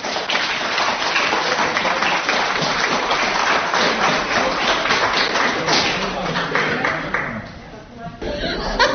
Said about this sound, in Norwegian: Han har fikset alt at dere har hørt både meg og de andre I dag. Så han har gjort en ekstra innsats, så han fortjener også en applaus.